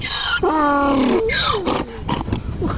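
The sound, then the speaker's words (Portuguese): A donkey brays loudly, a long harsh harmonic call followed by a sliding downward wail, then a few rough, choppy gasps as the bray trails off. It is played in the farm-animal sounds segment of the Bom Dia 104 show on Jornal FM. “Olha, temos um novo personagem aí na bicharada, é o nosso jegue, o nosso jumento, é o xodó.”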